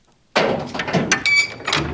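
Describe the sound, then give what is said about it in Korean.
A heavy metal door grinds and creaks open, a loud, sustained scraping with rising and falling squeals and a brief high-pitched whine partway through, no voices. “육중한 철문이 끼익 소리를 내며 열렸고”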